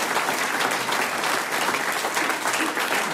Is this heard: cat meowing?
no